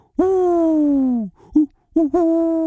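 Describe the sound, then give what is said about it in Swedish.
A human voice imitates an owl's hoot: one long, drawn-out hoot followed after a pause by a few short, quick hoots, fairly loud. “En uggla som säger O.”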